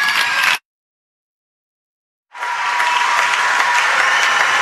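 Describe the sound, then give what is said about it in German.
A final, big round of audience applause at the close of an evening programme: a burst cuts off abruptly, then after a silent gap a loud, steady wave of dense clapping returns and continues, with no voices over it. “Und nun ein letzter, riesengroßer Applaus.”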